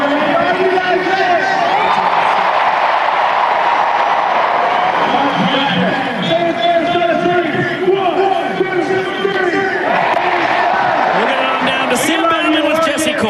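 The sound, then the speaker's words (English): A loud, continuous roar from a full-capacity crowd at Autzen Stadium in Eugene, Oregon, with a booming amplified voice echoing over the dense, steady wall of cheering noise throughout. “finishes up chatting with the full capacity crowd in Autzen Stadium.”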